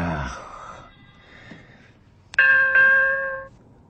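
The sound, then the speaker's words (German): A bright two-note bell chime jingle, the cue for a cooking tip, rings out near the end, a quick ding-dong whose tones ring on briefly before cutting off, following a quiet stretch with faint fading tones. “Jawohl, wenn die Bimmel ertönt, das ist jetzt Anne, aber das wisst ihr ja, dann gibt's meinen Kochtipp.”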